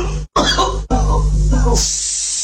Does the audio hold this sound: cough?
yes